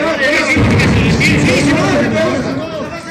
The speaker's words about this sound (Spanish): El audio del centro paseño continúa el estallido de dinamitas.